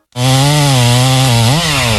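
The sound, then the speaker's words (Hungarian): A chainsaw cutting down a huge pine tree in a neighbour's yard starts up and drones loudly and steadily, a harsh buzzing whine that dips briefly and revs back up near the end, with no voices. “A szomszédék spórolni akartak, és maguk kezdték el kivágni az udvarukban lévő óriási fenyőfát.”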